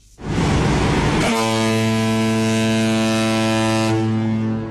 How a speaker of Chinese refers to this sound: 随着5000吨级货船鸣笛起航，一艘艘货轮沿着134.2公里的新航道一路向南驶向北部湾。一声汽笛圆的是一个百年梦，千难万难挡不住向海图强之路。